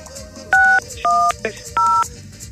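Three short, clear phone keypad tones sound one after another at a steady pace as a number is entered on a phone, each a bright two-note beep lasting a fraction of a second, over a faint background hum.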